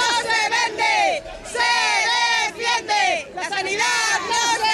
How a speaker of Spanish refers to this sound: Y a todo esto, más de 1.000 personas, según los convocantes, salieron este sábado, este fin de semana, al grito de la sanidad no se vende, se defiende. Lo hicieron en una marcha por el centro de Santander.